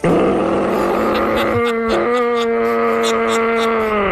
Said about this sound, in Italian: Si tratta di cervi in una certa condizione, sì, uditi nei boschi sovrastanti il paese di Arbedo.